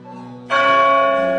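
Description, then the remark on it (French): A church bell strikes midnight: one loud, bright strike rings out over the fading hum of the previous toll, its rich overtones sustaining without any voices. “Au premier coup de minuit, elle a entendu un grand bruit d'ailes.”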